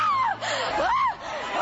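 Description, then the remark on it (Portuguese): A crowd of people shouting and crying out to Jesus together, voices rising and falling in loud, overlapping wails that fill the space for a couple of seconds. “Grita para Jesus”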